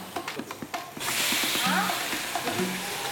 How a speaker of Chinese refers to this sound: 先把这个鸡翅煎到两面都微焦。